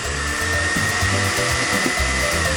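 A motorized appliance like a blender whirs steadily and loudly, a dense buzzing hiss over low humming tones that shift pitch in uneven steps as the motor churns, with no talking.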